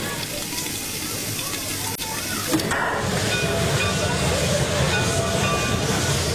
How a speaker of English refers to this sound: This is a chaise locomotive, restored and well-maintained, gleaming black steel and brass, the steam pressure holding steady, waiting to turn the pistons.